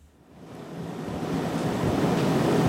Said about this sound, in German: In einem Schulungsraum des Kölner Uniklinikums rattert die Klimaanlage. Die vielen Hochgeschwindigkeitsrechner müssen gekühlt werden.